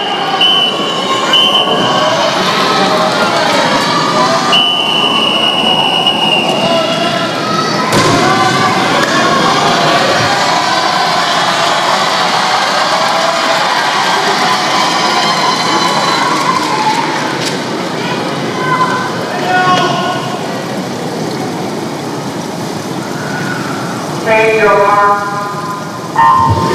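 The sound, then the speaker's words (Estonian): A loud, continuous roar of spectators cheering at a swimming race, a men's relay heat with the last leg swimming butterfly and Leon Marchand racing, fills the whole stretch, with shrill whistles and high-pitched shouts rising and falling over the steady crowd noise. “Meeste viimane vahetus Liblikas on vette hüppanud ja me kuulsime ka, et publik on tõesti aktiveerunud, tuletab meelde 2 aastat taguseid Pariisi olümpiamänge”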